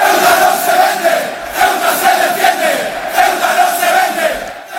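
A large crowd of Frente Atlético ultras, Atlético Madrid supporters, chants a political slogan about Ceuta not being for sale and being defended, in unison. The chant is loud and sustained, with the rhythmic group shouting swelling and dipping throughout.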